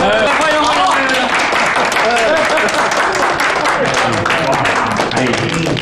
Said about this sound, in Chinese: 新郎新娘到。 我是得鼓鼓掌。